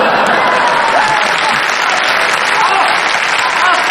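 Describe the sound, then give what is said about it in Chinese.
An audience at a stage comedy performance breaks into sustained, loud applause, a dense steady wash of clapping hands that holds at an even level for the whole stretch with no voices standing out. “这是他们最发自肺腑的一次掌声。”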